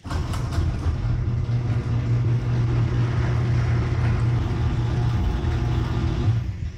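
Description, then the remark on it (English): A garage door runs on newly fitted nylon rollers: a steady, low motor hum with a smooth, even rumble and no rattling, holding for about six seconds before cutting off. “play what it sounds like after the new nylon rollers.”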